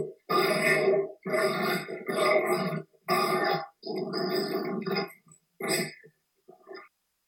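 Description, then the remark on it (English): Dogs grunting in a string of low, throaty snorts, several in quick succession with short pauses, then a few softer, briefer grunts trailing off at the end. No one speaks. “Listen to these clowns. Even if they do make dog juice from time to time.”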